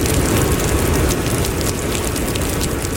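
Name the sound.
heavy rain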